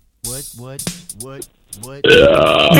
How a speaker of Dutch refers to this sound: Dat vind ik wel zot. Allee, je kunt boeren op commando, maar dat is next level. Allee, nog eentje.